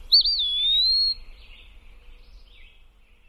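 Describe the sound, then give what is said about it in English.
A bird gives one clear, high slurred whistle lasting about a second, fairly loud, then fainter, softer notes trail off against a quiet background. “give me a quick pip call when you arrive so I know it's really you.”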